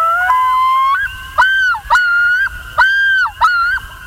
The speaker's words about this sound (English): Loons! In 1983, amid a boom in lakeshore development, biologists found only a dozen pairs of loons in the whole state. But they've made a strong comeback.